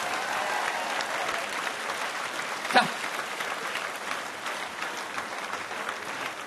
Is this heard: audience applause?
yes